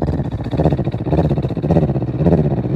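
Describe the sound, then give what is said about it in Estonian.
A person imitates a cat's purr while breathing out, with a low, rumbling, buzzy voice, pulsing in about four steady breaths with no words spoken. “No välja hingamisel ka mina võin teeselda, imiteerida nurrumist.”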